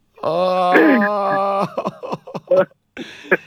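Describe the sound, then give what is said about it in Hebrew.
Several voices break into a loud, exaggerated wail together on a count, a long sustained moaning cry that trails off into choppy sobbing bursts, like people playfully imitating crying. “מה? אתה בוכה? מאוד. בואו נבכה ביחד, 3, 4,”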